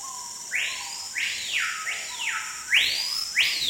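A small, hard-to-see tropical forest bird that lives only in Amazonia sings a string of loud, clear whistles, each sweeping sharply up then gliding down in pitch, repeated about six times with no one talking; its song is the archetypal sound of the tropical forest soundscape.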